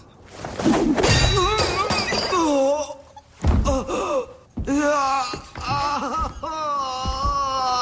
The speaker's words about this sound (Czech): No tam měl totiž pytel a měl tam plno nářadí. Jo, takhle. Normální pytel vysypal ho, bylo tam nářadí.